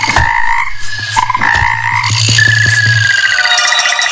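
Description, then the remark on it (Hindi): A fairly loud chorus of frogs croaking continuously, with deep pulsing calls layered over higher trilling and chirping, and no voices. “मेंढक बोले, हम बाहर निकलते हैं तो बच्चे हमें पत्थर मारते हैं।”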